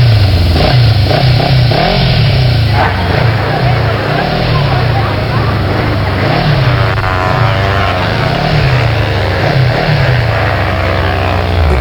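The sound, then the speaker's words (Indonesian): A motorcycle engine being raced revs loudly, its pitch surging up and dropping back again and again in a steady, roaring run that fills the whole stretch. “Eh, peribut ke sana dorong pe motor. Kama, mana ada sakit kepala begini? Pe kuat sekali balap-balap.”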